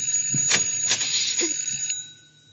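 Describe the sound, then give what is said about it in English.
A bright electric doorbell rings continuously for about two seconds, a steady metallic trill, then cuts off and leaves a faint fading hum. “Because the doorbell is ringing.”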